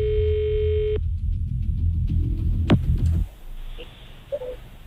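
A single steady ringback tone of an outgoing phone call sounds clearly for about a second, then cuts off, leaving low line hiss, a sharp click and faint handset noises.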